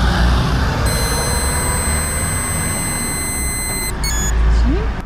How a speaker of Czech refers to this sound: Po dobu tónu fouká do té trubičky plynulý výdech, jo? Tak můžete.